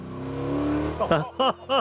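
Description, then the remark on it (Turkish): A car's steady, rising engine drone revs for about a second as the driver steps on the gas, then gives way to three short, punchy bursts that sound like a voice imitating the car's revving. “Tanrım, sen de yükselt. Evet, işte böyle. Bas gaza.”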